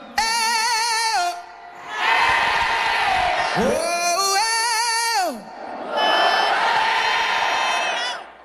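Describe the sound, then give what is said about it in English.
A large crowd at the 2026 iHeartRadio Music Festival cheers and roars in two loud, sustained swells, alternating with a strong solo voice holding and sliding long, wavering notes between them. “Oh, we got quite the crowd in here.”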